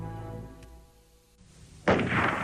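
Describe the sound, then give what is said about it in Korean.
A sustained, low musical tone fades, then a sudden loud blast of gunfire bursts in near the end and keeps roaring, at night in a village. No one speaks. “총소리에 꿈나라로 갔던 온 마을 사람들이 놀라 깨어났고 조용한 골목들에 떠들썩한 소동이 일어났다.”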